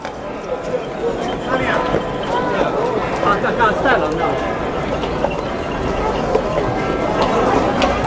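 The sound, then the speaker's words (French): The horses of about 80 to 100 riders devoted to the Virgin Mary clip-clop steadily in a passing historic procession, a dense, continuous clatter of hooves mixed with indistinct crowd voices and outdoor bustle. “Il y a environ 80 à 100 cavaliers.”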